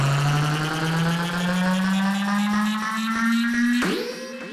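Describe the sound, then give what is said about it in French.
A boat engine revs with a steadily rising pitch, then shifts abruptly near the end and drops a little in loudness, as if pulling away. No one speaks. “ton bateau est prêt ?”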